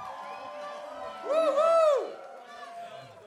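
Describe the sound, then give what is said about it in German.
A crowd cheers over a steady wash of clapping, with a burst of loud high-pitched whoops and hoots swelling in the middle before the noise settles back to a lower murmur; the audience is applauding a performer named Jasmin. “Einen riesengroßen Applaus für Jasmin.”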